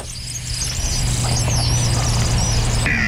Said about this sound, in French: C'est comme un sifflement très aigu. Vous allez voir ce qu'il fait. Quand vous l'entendez, on peut pas trop le manquer en fait, le martin pêcheur. Vous voyez, c'est ça. On entend à peine, c'est un sifflement, vous voyez.